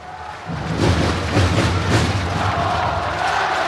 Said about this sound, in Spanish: Aplaude el público de Santiago Martín. Gana su equipo 70-58 en el primer partido.